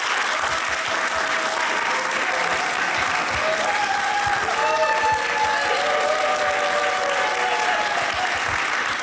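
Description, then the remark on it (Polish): A crowd of adults claps steadily for about nine seconds in a practice round of applause, adults alone, before the band a band comes on: a dense, even roar of applause at constant loudness, with a few high, wavering vocal cheers rising through it midway. “To spróbujmy zrobić próbę braw.”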